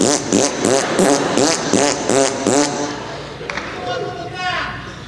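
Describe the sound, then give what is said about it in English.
A voice blows a series of buzzy lip raspberries, or bilabial fricatives (Bronx cheers), about six rhythmic sputtering bursts, then trails off into a softer, wavering flutter of the lips. “Bronx cheer and raspberry never made it for me. Bilabial fricative.”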